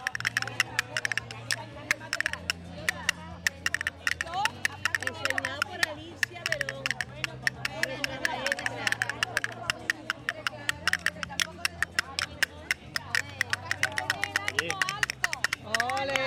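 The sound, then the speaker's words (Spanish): Castanets, a spare pair, clatter in fast, crisp rhythmic rolls throughout a recital, bright sharp clicks that keep going over a low, steady musical backing that shifts between a few sustained notes. “Bueno, Pepa y su castañuela, la verdad que tremendo.”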